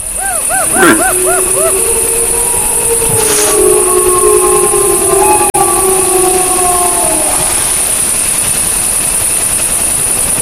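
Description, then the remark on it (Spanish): A red deer stag in the rut gives a couple of short, hoarse, cough-like calls, while a pack of wolves howls in long, wavering, overlapping tones in the background over a steady hiss of background noise. “Ahí se queja un ciervo, esa tos así como es de la barba, y al fondo pues es una manada.”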